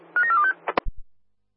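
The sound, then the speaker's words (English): A rapid run of four or five telephone keypad tones beeps out in quick succession, followed by a couple of sharp clicks and a dull thump, like a handset being handled. “I'm already on the phone.”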